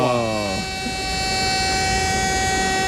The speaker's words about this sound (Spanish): Nueva esta alarma.